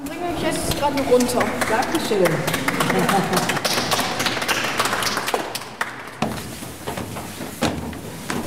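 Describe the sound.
A group applauds at the end of a children's guided tour of a cathedral, with a dense, steady patter of many hands clapping for several seconds while voices talk and call out over it; the clapping thins slightly toward the end.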